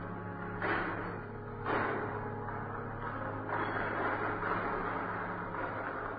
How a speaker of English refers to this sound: the doors at the main entrance to the church opened.